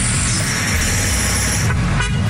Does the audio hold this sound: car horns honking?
yes